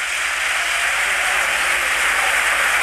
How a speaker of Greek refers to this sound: Τώρα η αλλαγή, διπλή αλλαγή. Ο Τέιλορ παίρνει το χειροκρότημα από την Τούμπα. Έτρεξε πολύ ο Σκοτσέζος.